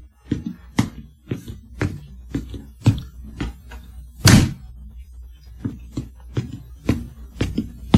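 A door is closed with a solid thud midway, amid a steady series of dull thumps and a low background hum. No one speaks.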